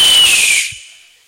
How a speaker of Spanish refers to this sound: Y sale el águila chiflando.